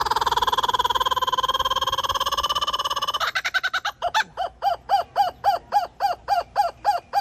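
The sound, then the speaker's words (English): A kookaburra calls: a loud, rapid rolling chatter runs for a few seconds, then breaks into a steady string of sharp, rhythmic 'ha-ha' hoots repeating about twice a second, with no talking. “the kookaburra.”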